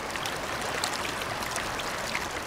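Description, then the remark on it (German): The young Kanda, a glacial river in the upper Gastern valley, rushes forcefully over a broad gravel bed, swollen by glacier meltwater in summer heat; a dense, continuous, fairly loud roar of churning water with fine splashing detail, with no voices. “Mit Wucht schieben sich die Fluten der jungen Kanda durch das breite Geröllbett.”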